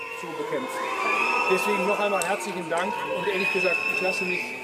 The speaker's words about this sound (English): Chancellor Merz was booed. He made an appearance in the small western town of Guy to thank emergency workers for their efforts in battling a large wildfire last week. And here, quite clearly, you can hear the crowd booing.